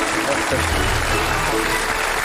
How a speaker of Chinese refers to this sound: 掌声有请陕西师范大学历史文化学院教授、隋唐五代史研究专家